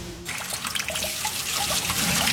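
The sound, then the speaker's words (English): A kitchen tap runs steadily, its stream splashing and gurgling into a sink after a brief quiet start, with no one talking. “Oi, why is that tap running?”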